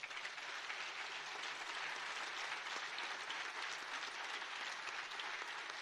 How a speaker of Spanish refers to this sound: Yo quiero que le demos un aplauso al equipo de María Visión, por favor.